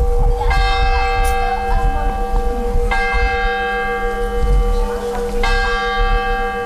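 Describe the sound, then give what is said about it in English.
The tower clock bell of St. Wenceslas Church on the main square in Mikulov strikes three times at slow, even intervals, each loud, resonant stroke ringing out and fading over a steady low rumble of background noise. “The tower clock of St. Wenceslas Church on the main square measures time that seems to have a different quality in Mikulov.”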